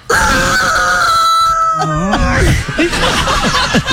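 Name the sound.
hen clucking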